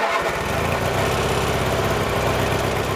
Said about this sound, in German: Bis dahin ist noch viel zu tun und deshalb schwingt sich Priet jetzt wieder auf seinen Rasenmäher und macht weiter.